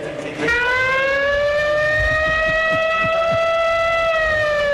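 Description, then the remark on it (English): A loud, sustained siren sound effect kicks in after a brief moment and holds a steady, slowly rising tone with strong harmonics, filling the whole clip with no talking, played as Tennessee comes up for their first at bat in a baseball game. “Hit me with the siren.”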